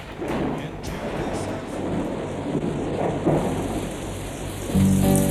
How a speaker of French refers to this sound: Alors toujours l'orage, mais on a changé un petit peu de direction artistique. J'écoute en soupirant la pluie qui ruisselle, frappant doucement sur mes carreaux.